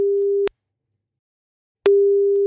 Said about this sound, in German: Ich tippe die Nummer mal eben ein und dann hoffen wir mal, dass er auch ans Telefon geht.